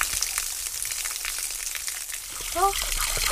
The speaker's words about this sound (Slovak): No a to je trošku studené sprchanie. No, 7 stupňov asi približne. Studená, ale tak... Príjemné schladenie na dobrú noc. A teplá voda tu nie je, takže smola.